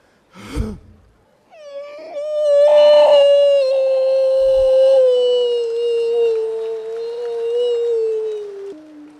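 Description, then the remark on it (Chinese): A man's voice imitates a wolf howl as a mock vocal warm-up: one long, loud, sustained wavering tone that slowly sinks in pitch over several seconds, preceded by a short sharp breath. “这是狼叫唤呢。”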